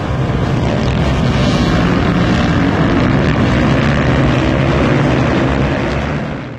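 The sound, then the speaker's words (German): Loud, continuous roar of motorcycle stunt riders' engines revving hard at Allstedt airfield, a dense wall of engine noise mixed with wind rumble that holds steady throughout and fades slightly at the very end. “Letztes Wochenende wurde der Flugplatz Allstedt zum Treffpunkt für Motorrad-Stuntfahrer.”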